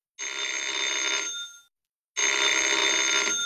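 An old-fashioned telephone bell rings for a call from headquarters for the captain, in two loud, sustained bursts separated by a short pause, a bright metallic jangle with no voices.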